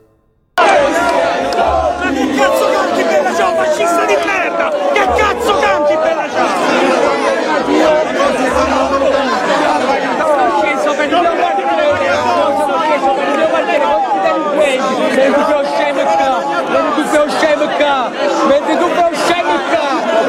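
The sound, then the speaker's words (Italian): A dense crowd of Potere al Popolo activists protesting against members of the PD shouts and chants continuously, a loud wall of overlapping voices with rising cries and rhythmic yelling, sustained for the whole stretch without pause. “Però fatemi sentire il clima che si respirava con i militanti di Potere al Popolo che contestavano quelli del PD.”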